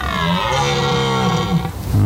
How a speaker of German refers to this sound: Das war kein Bär. Das muss ein röhrender Hirsch gewesen sein.